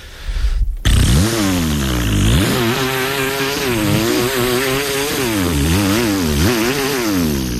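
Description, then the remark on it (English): A person vocally imitates a chainsaw, a loud, continuous buzzing drone that rises and falls in pitch like an engine revving, starting abruptly after a brief moment of quiet. “I can give you a chainsaw noise if you want.”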